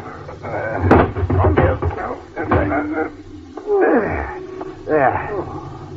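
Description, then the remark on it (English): A lorry door shuts with a sharp thump early on, surrounded by busy vocal noises and rising, groaning cries that continue in bursts afterward. “Now we close the door.”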